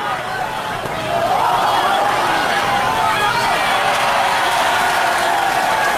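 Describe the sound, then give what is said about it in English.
A baseball ballpark crowd cheers after a fan catches a high foul pop ball on the bounce: a broad roar of many voices that swells after the first second and stays loud and steady, with scattered shouts and clapping mixed in. “Fans below us cheering as a fan captured that high pop foul, but on the bounce.”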